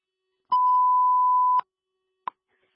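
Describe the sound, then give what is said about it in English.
A radio dispatch alert tone: one steady, clear beep lasting about a second, followed shortly by a brief sharp click. No one speaks. “8:20 today, but could you send me an alarm?”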